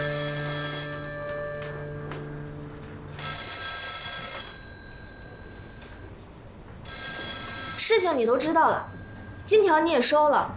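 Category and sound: signal or alarm, telephone ringing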